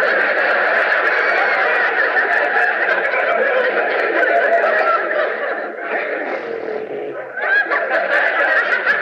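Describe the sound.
A person loudly imitates a horse whinnying, a sustained, wavering neigh with quavering pitch that runs for several seconds, briefly dipping before rising again near the end.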